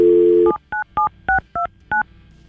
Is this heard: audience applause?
no